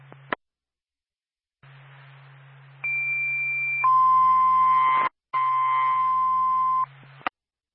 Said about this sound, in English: Base Littleton Fire Department, stand by for tone.